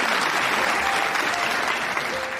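An audience applauds to thank two guests, a child's parents, on a stage show: many hands clapping in a dense, steady wash of sound that stays loud and even for the whole stretch, with no voices standing out.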